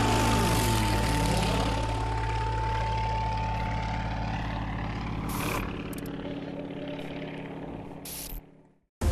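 A racing propeller plane in an air race, flying a set course between pylons for the fastest time, roars past with a loud, continuous engine drone, its pitch sweeping downward as it passes, then fading before a sudden cut.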